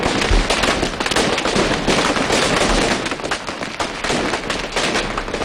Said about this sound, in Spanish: El Tro de Bac, que es el nombre que recibe este petardo diseñado exclusivamente para el Domingo de Resurrección en Cúllar Vega.